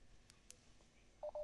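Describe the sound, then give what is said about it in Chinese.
Two short, clear keypad tones beep in quick succession near the end, the second held slightly longer, preceded by faint clicks against a quiet background with no talking, as a mobile phone dials the Ping An insurance hotline. “好，我用这个手机拨打吧。”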